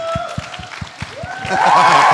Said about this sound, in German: Applaus für Vieh.